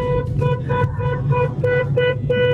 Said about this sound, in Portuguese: É a Rose, é a Rose. Bora, bora, bora, bora, bora. Aí, ó, é Rose. Falou, Rose. A Rose só buzinando, vai. Bora acordar esses cornos no meio da rua aqui hoje.